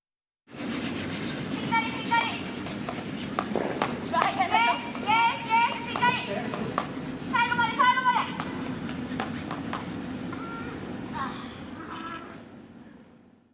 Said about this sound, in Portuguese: Então vamos ouvir a gente varrendo agora, literalmente, o gelo.